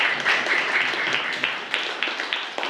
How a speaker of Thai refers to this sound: นักเรียนปรบมือให้กับตัวอย่างหน่อยเร็วนะครับ